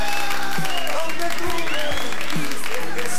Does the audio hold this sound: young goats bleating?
no